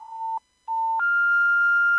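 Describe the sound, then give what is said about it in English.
Two short, steady electronic beeps at one pitch, then a longer, higher continuous tone of a phone call put on hold, clean with no voices. “Oh, check your phone settings. You put me on hold.”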